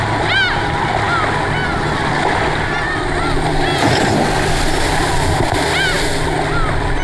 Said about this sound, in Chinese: 每年九月，经过四个月的休渔期后，海岛上的渔民迎来了一个重要的日子。这是海岛人家盛大的节日，趁着海水涨潮，岛上的渔船千帆竞发，奔赴蓝海。